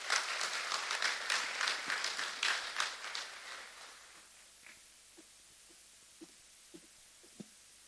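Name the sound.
audience applause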